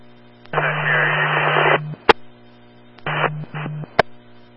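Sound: radio transmission static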